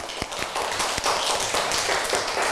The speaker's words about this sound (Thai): เก่งมากปรบมือให้เพื่อนค่ะgive a big hand to your friend ปรบมือดังๆค่ะ